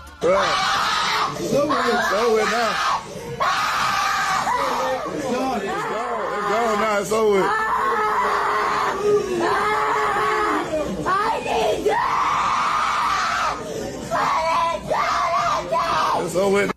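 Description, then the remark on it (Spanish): A boy screams, wails and kicks as his head is shaved, his voice rising and breaking in long distressed cries mixed with shouted words in English, nearly continuous for the whole stretch with only brief gasping pauses. “Ese chinito grita, patalea.”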